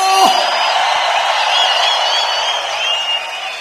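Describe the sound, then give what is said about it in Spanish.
A crowd lets out a loud, sustained roar of jubilant shouting and whooping that fills the space for several seconds, steady, with no clear individual words. “Si es reina, dale un fuerte grito de júbilo.”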